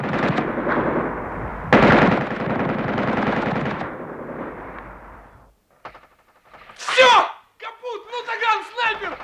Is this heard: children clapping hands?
no